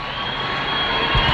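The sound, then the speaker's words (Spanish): A dense, continuous roar of a crowd shouting as people catch sight of the approaching Pope Leo XIV, a wave of shouting moving closer, a wash of many voices with no single words standing out, holding steady and swelling slightly louder near the end. “La ola del grito se acerca a ti, Elena.”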